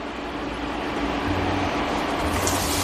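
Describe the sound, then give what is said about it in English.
Onions sizzle over medium heat in hot oil with cumin seeds, a steady, loud hiss and fine crackle holding constant for about three seconds with a faint low hum underneath and no talking. “That's the sound we like.”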